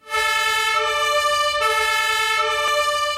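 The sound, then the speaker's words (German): A loud two-tone fire engine siren (Martinshorn) blares continuously, its steady harmonic horn alternating pitch every second or so, with a low traffic rumble underneath and no voices, as Munich's professional fire brigade responds from its main station in the city centre through heavy traffic with blue lights. “Die Berufsfeuerwehr in München rückt aus.”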